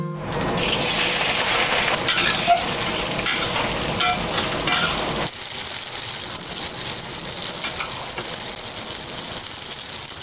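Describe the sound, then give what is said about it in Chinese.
Pork fat sizzles loudly in a hot pan as the pork is stir-fried to render out its fat before braising, a steady crackling hiss with scraping stir-fry movements. Partway through, the frying sound thins slightly but keeps going, with no one talking. “把肥的那个油脂都给煸出去，再放到锅里边再去卤，这样它就没有油了。”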